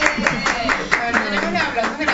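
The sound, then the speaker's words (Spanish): Steady rhythmic clapping from a small group, roughly three claps per second, fairly loud, with voices murmuring underneath throughout. “Ya tenemos los aplausos.”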